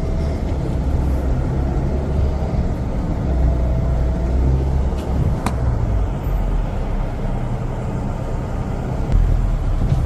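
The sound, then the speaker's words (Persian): A steady low rumble of car engines from a slow line of cars queuing for fuel at the Pasdaran petrol station, continuous throughout, with faint brief clinks in the background and no voices. “این صف همچنان ادامه داره.”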